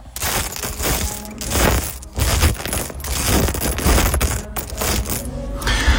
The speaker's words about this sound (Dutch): Spelen met de Lego die ik voor mijn 40ste verjaardag heb gekregen.